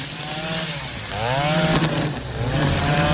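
Lawn mowers, a tractor mower and string trimmers run loudly as volunteers mow the grounds of the Marian shrine of Dragotina on a Saturday, their engines droning steadily with rising and falling revs, overlapping as a continuous mechanical whine with no talking.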